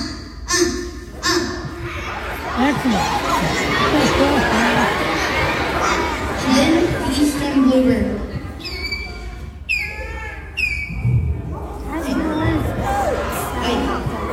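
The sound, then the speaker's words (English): A loud, dense crowd of children shouting and squealing excitedly all at once, a continuous wall of overlapping voices with sharp high shrieks rising above the din. “these kids go freaking nuts”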